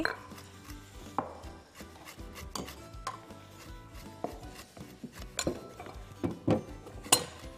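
An untreated lemon with edible peel being zested on a lemon grater for a lemon cake: a run of short, scratchy rasping strokes at an uneven rhythm, mixed with a few light metallic clinks and knocks, with no one talking.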